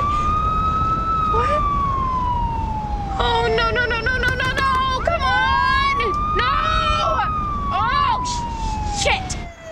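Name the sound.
police car siren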